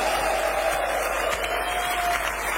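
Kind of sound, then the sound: crowd, audience applauding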